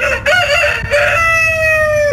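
Chickens calling loudly and close by in a farmyard, a drawn-out, strained vocalization that rises and holds for about two seconds after a brief squawk, with no talking.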